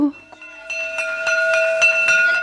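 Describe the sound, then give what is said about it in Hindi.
A school bell rings continuously with rapid metallic strikes and a steady bright tone, fairly loud, starting after a brief pause and going on to the end. “अरे अरे, लगता है देर हो गई। स्कूल की घंटी सुनकर”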